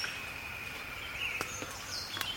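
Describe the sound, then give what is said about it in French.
A faint dawn chorus of many birds singing at once, their overlapping high songs forming a steady wash, with a few sharper chirps and brief tapping sounds standing out. “C'est le chorus de l'aube.”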